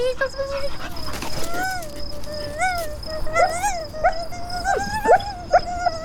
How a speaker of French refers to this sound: Oui, c'est un chien. Il a beaucoup trop de poils, mais voilà une oreille qui me paraît succulente.